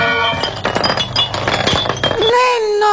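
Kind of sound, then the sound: impact, mirror glass shattering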